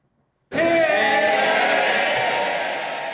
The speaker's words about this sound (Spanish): Con esta ovación ha recibido la bancada laborista Starmer cuando ha llegado con unos minutos de retraso a la Cámara de los Comunes.